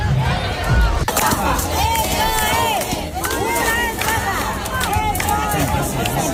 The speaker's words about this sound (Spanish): El tercero tuvo lugar anoche, hoy hablaremos porque teníamos gente allí en el programa de eso, pero a las puertas parece ser que hubo una gran desorganización a tenor de los gritos y las protestas que se escucharon en la puerta. Menudo cabreo.